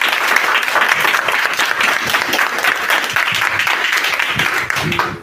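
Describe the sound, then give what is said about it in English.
A school class gives a round of applause for a correct quiz answer, dense rapid clapping sustained at a steady loud level for several seconds before tapering off at the end. “A round of applause.”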